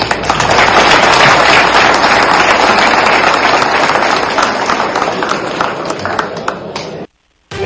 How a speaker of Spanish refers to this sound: Pues ya escuchamos que hasta los aplausos arrancó de los usuarios que estaban ahí presentes en esta Asamblea General Ordinaria del módulo Taxes